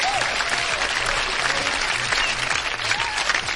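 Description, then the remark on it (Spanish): Steady, dense applause from a crowd, many hands clapping at once in a continuous loud wash that holds level for several seconds, with faint voices mixed underneath; the applause is for listeners tuning in from Switzerland. “Un aplauso para la gente que nos está escuchando en Suiza.”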